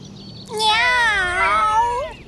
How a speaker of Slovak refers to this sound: Na lítkach ma čosi príjemne pošteklilo. Mačka? Áno, bola tam mačka. Hovoriaca.